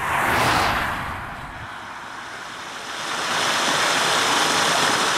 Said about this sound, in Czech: Ubušínek protíná potok Habrovec, který kopíruje pomyslné dno tohohle údolí.